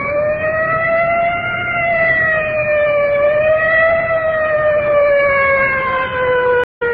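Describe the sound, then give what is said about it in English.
A fire department inhalator squad siren wails continuously, far off in the distance, its loud rising and falling tone sustained over low traffic rumble, ending with a brief cutout near the end. “Way off in the distance now, I can hear the wail of the siren of our fire department inhalator squad rolling.”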